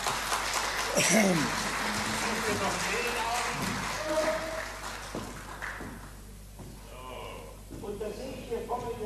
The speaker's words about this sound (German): Ja. Ein Applaus für den Herrn.